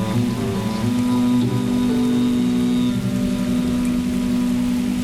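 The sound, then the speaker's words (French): A storm raging over Cambrai: heavy rain pours down in a steady, unbroken hiss, with a low sustained tone droning underneath throughout; no voices are heard. “La tempête fait rage depuis plusieurs jours dans le Sancti Nationis Teutonique.”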